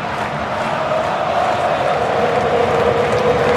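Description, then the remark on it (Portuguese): A dense, steady roar of Argentina football fans cheering and chanting at AT&T Stadium in Dallas during a World Cup match, loud and unbroken for the whole stretch, with a sustained sung tone riding above the mass of voices. “Ouça a torcida da Argentina.”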